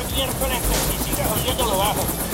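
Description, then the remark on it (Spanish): A loud, steady roar of helicopter rotor noise fills the whole stretch, constant, with people's voices talking over the drone. “Así es, familia, en el helicóptero de ….”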